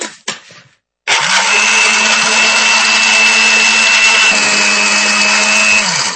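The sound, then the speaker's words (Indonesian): A blender starts up after a brief knock and runs steadily for about five seconds, blending pomegranate with added water into juice: a loud whirring motor hum with a high whine, churning liquid until it cuts off. “Ya, ini kita blender ya.”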